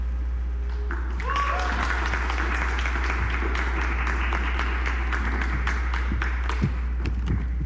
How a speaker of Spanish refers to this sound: otro aplauso, por favor, fuerte aplauso. Que se vea que entramos en calorcito.